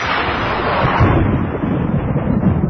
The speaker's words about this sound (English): Ah, the crack of thunder.